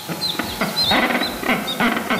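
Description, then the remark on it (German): Rockhopper penguins call in a noisy colony where ten chicks are being raised, harsh braying squawks repeating in quick bursts over a dense background of overlapping bird cries, loud with no talking. “So klingen sie, die Felsenpinguine.”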